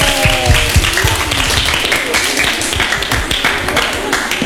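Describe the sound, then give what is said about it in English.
A group claps rapidly and unevenly for a correct answer in a guessing game, making loud, dense, crackling applause that holds steady throughout, with a few voices briefly cheering at the start. “Correct. Give applause.”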